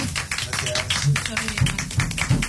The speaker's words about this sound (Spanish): No, tremendo, tremendo, tremendo. Se merecen otro aplauso, chicos.